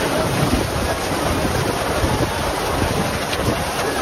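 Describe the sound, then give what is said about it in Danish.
A heavy storm of rain and wind hits the Tønder Festival site in the evening, causing the closing concert on the Open Air stage to be cancelled. Strong wind buffets and rumbles over a dense, steady hiss of pouring rain. It is loud and constant, with no voices. “Store mængder regn og blæst fik i aftes Tønderfestivalen til at aflyse sin afslutningskoncert på Open Air-scenen.”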